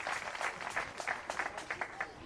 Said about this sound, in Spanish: ¡Denle fuerte ese aplauso!